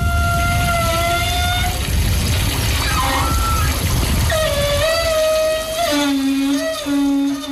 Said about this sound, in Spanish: Para mí es una ducha del cuerpo de la playa de las Canteras.